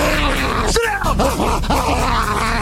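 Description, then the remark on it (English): A man's voice imitates a dog, giving a quick run of four or five loud barking yelps over steady background noise; this is a man remembered from the TV show A Current Affair. “Got me thinking, though, how would Barnaby react to a national treasure in the …?”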